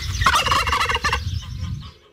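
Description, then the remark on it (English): A wild turkey gobbles in a loud, rapid, rattling burst that trails off after about two seconds, heard on its own. “The Wild Turkey.”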